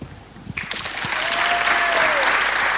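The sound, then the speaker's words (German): Applause from an audience at the end of a presentation swells in after a brief pause and continues as a steady, dense wash of clapping, fairly loud and sustained, with a faint whistle-like tone rising briefly within it. “Dein Applaus.”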